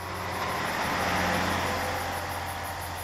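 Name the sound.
van driving past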